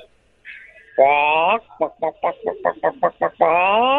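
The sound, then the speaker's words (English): A voice imitates a chicken in a low register: a drawn-out squawk, then a quick run of about eight short clucks, ending with another long, loud squawk, clear. “Wow, it's beautiful work, but can I get the same chicken sound effect, but with a lower pitch?”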